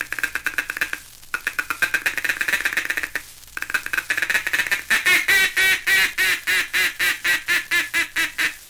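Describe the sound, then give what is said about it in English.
A duck call, blown from a hunting blind at ducks approaching decoys, runs a rapid, chattering feeding chuckle in bursts, then shifts into a steady series of loud, evenly spaced contented quacks, clear with no talking. “That's the time to give them the confidential chatter of the feeding chuckle, cramming in an optimistic quack, quack, quack, quack, quack, quack, quack of contentment as they come nearer and nearer like this.”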